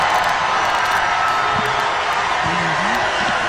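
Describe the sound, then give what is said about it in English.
A large crowd at a rally in Oklahoma cheers loudly and steadily throughout, a dense wall of roaring voices with a few individual shouts and whoops rising above it near the middle and end. “And people are cheering that.”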